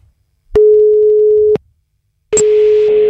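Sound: telephone call ringing tone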